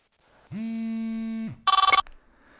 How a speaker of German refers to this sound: Als aber das Handy gleich danach erneut klingelte, wusste ich bereits, was für eine Nachricht ich nun bekommen würde.